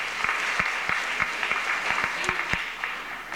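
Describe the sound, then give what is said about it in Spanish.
An audience applauds a sister who is present, with steady, dense clapping, individual sharp claps popping out irregularly above the continuous wash of hands. “También brindemos fuertes aplausos a la hermana Silvia que también está con nosotros.”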